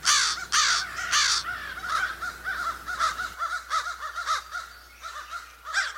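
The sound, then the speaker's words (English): Several crows caw repeatedly in a steady, overlapping exchange, calling back and forth to one another, harsh calls some loud, others fainter, continuing without pause over a low background hum. “you can tell they're calling back and forth to one another”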